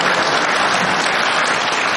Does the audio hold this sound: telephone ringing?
no